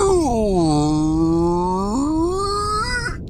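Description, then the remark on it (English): A person imitates a whale call with one long, drawn-out voiced moan that slides down in pitch, holds low, then jumps up and wavers before trailing off, loud and steady with no words. “I speak whale. Do you speak whale?”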